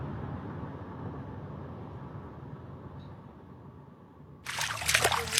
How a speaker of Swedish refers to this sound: Plask, plask.